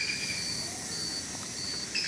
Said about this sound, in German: Du merkst sofort die ersten Schritte im Regenwald, dass dieser Regenwald eine ganz andere Performance hat wie ein deutscher Wald. Der ist laut, der hat Geräusche.